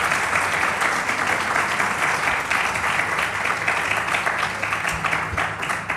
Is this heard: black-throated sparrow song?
no